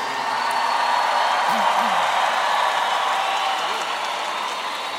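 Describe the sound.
An audience at a live music performance applauds a guest performer in a steady, dense wash of clapping that holds at an even loudness throughout, with a few faint voices or cheers briefly rising through it.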